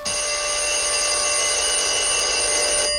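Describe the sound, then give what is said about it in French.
An old telephone bell rings loudly and without a break for about three seconds, a bright metallic trill, then cuts off abruptly. No voices. “Le téléphone sonne. Je décroche.”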